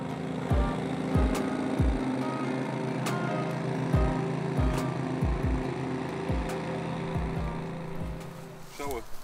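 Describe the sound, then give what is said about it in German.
A motorized lawn mower drones steadily as the lawn is mowed at a World Heritage site covering about four football fields, its engine hum constant while irregular low thuds and short clicks punctuate the running noise throughout. “Im Sommer wird die Grünfläche jeden Morgen bewässert, jeden Montag der Rasen gemäht, auf einer Fläche von rund 4 Fußballfeldern.”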